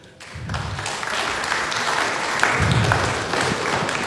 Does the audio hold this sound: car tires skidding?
no